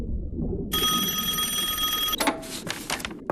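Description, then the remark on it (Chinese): A telephone bell rings loudly with a call from family during an experiment in the North Atlantic in March 2004, one continuous metallic trill of about a second and a half, then stops abruptly and gives way to a few short clattering bursts. No one speaks. “那是2004年3月，北大西洋海底，黄大年正在专心做着试验，突然有人通知他，家属来电话。”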